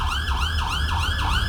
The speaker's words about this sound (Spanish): Las sirenas en las estaciones de bomberos se activaron.